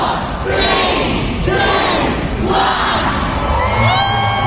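Thousands of Harry Potter fans gathered in the morning at a London train station, where they started a countdown shortly before 11, cheer and shout continuously, many excited voices overlapping in loud, rising whoops and yells that swell in waves.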